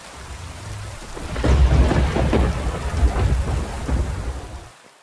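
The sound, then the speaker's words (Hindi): A heavy downpour in the mountains hisses steadily, with deep rolling thunder rumbling underneath and swelling in the middle before the storm sound fades and cuts off near the end. No voices. “इसी बीच पहाड़ों पर भारी बारिश होने लगी।”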